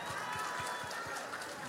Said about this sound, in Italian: Senti che bell'applauso, senti.